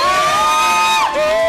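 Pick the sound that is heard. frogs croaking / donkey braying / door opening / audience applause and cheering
audience applause and cheering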